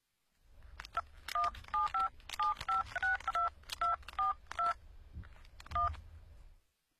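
A rapid series of about a dozen bright telephone keypad tones dialing a mobile phone number, each a short two-pitch beep, pressed in quick uneven succession, clear against a faint low background hum.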